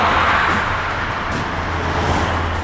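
A red pickup truck, a suspect's vehicle fleeing police, roars along Huancheng North Road at high speed, its engine and tire noise forming a steady, loud rumble that holds constant for a few seconds with no voices.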